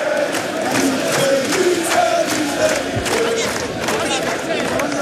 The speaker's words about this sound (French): Des images incroyables avec des joueurs qui saluent évidemment la foule et les chants qui continuent évidemment d'être entonnés par les milliers de supporters. On écoute.